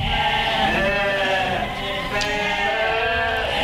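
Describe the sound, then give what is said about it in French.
A flock of sheep bleating continuously, many overlapping wavering cries stacking into a dense, loud chorus that fills the whole stretch without pause. “Je suis là, Sophia, au milieu de ce magnifique troupeau.”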